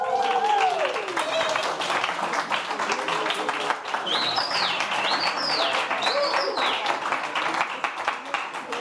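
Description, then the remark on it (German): A live audience at the Berliner Hörspielfestival in the Clubraum claps steadily and loudly throughout, with sharp rising whistles cutting through the applause and cheering voices mixed into the noisy roar, picked up by a microphone held toward the audience. “Ich halte extra das Mikro ins Publikum, damit auch die Zuschauer und Zuhörerinnen im Livestream uns hören”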